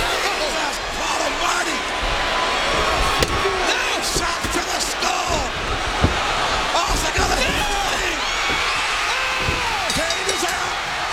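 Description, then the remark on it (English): Two sharp steel chair shots crack out a few seconds apart as Stone Cold Steve Austin hits Kane in a Royal Rumble wrestling match, over a constant roaring arena crowd, with excited voices shouting through the din. “Austin's got the steel chair.”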